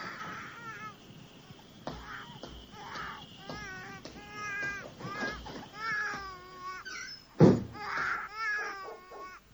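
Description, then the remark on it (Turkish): A baby cries in a string of short, wavering wails that keep repeating, moderately loud, with a brief louder thump partway through. “Bak, tekrar ağlamaya başladı.”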